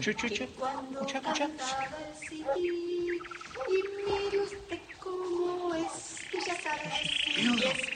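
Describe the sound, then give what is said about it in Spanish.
A small bird sings in bright, rapid chirps and warbling trills that keep going through the whole stretch, fairly loud, with a hissing noise in the background toward the end. “la canción con que hacía cantar al pajarito.”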